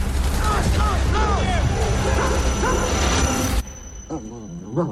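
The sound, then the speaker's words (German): In a film set in the Alaskan wilderness, Odin, the German shepherd of an ex-soldier, whimpers and barks in a rapid run of whining, yelping cries over loud rumbling noise. The noise cuts off abruptly, leaving a few softer whines. “In den endlosen Weiten Alaskas müssen Brad Pitt, Ex-Soldat und sein Schäferhund Odin ums Überleben kämpfen.”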